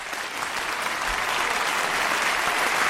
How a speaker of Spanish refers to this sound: Aplausos.